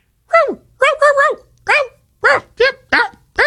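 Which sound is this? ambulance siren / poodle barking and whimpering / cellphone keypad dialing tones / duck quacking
poodle barking and whimpering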